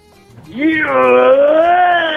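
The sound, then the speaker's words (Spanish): A caller's voice imitates a T-Rex dinosaur roar, coming out as a long, wavering, cat-like yowl that rises quickly and holds loud for about two seconds. “Ay, creo que es un T-Rex, mi querido cachorro. O tal vez es una gatita, no lo sé.”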